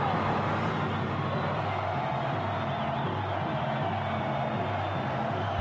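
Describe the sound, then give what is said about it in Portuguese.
A large crowd of football fans chants together at the Morumbis stadium in a dense, steady roar of many voices, loud and sustained throughout without a break, with no single speaker standing out. “Você está ouvindo o canto da torcida?”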